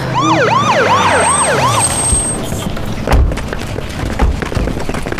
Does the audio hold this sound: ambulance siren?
yes